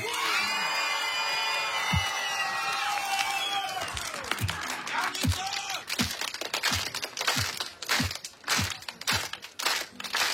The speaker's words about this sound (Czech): Lidi jedou podle jeho dirigování. Já myslím, že tohle bude antré par excellence. Dámy a pánové, první velký aplaus.